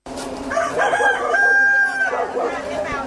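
A rooster crows loudly, one long drawn-out cock-a-doodle-doo with a sustained high note, while other chickens cluck faintly in the background.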